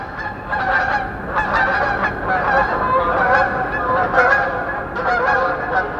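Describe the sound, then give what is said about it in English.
A dense chorus of a flock of snow geese honking continuously as they fly over at about 5,000 feet in springtime, picked up by an outdoor microphone; many overlapping nasal calls, steady and fairly loud throughout with no pauses. “So in the springtime, I'll be doing the dishes, and I'll hear a flock of snow geese go over at 5,000 feet, because I've got a microphone out there bringing those voices in.”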